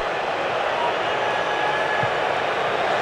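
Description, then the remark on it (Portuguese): A stadium crowd at a football match between South Africa and Canada boos in a steady, unbroken roar that holds at an even, fairly loud level for the whole stretch, with no distinct voices standing out from the mass. “E agora mais vaias.”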